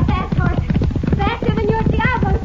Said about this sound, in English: That a horse race, senorita?